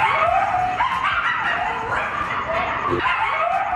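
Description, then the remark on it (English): A pack of coyotes howls together at night at an abandoned construction project in West Hollywood, overlapping wavering cries and sharp yips rising and falling in a continuous, loud chorus with no one speaking. “All right, this is what coyotes sound like at night when they are all together and they're howling, and it's frightening.”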